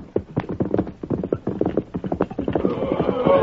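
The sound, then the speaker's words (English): Rapid, overlapping hoofbeats clip-clop as a half dozen horsemen escort two covered wagons across the Indian Territory, with a whinny-like tonal sound rising near the end. “Leaving before Carver and following a more direct route, it was afternoon when he first sighted Marsden's two covered wagons, escorted by a half dozen horsemen.”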